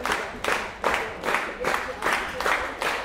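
A full-house audience at Gjethuset in Frederiksværk applauds after a Friday 5 o'clock concert of new music, a new work, the dense clapping swelling into regular beats about twice a second, loud and continuous with no voices on top.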